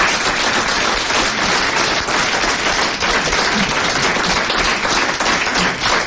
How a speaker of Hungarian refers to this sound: Hölgyeim és uraim, most pedig következzék egy ifjú tehetség, aki már nem először jár nálunk, és minden bizonnyal nem is utoljára. Fogadják nagy tapssal